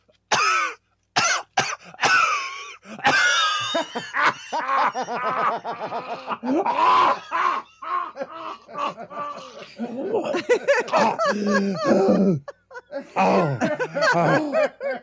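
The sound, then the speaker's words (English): A person imitates their father's heavy, rattling smoker's cough: a long run of harsh, wheezy hacks and gasps, broken by short pauses and a few strained breaths. “If it won't cause you to snap a rib, do your dad's coughing again, because that was really impressive.”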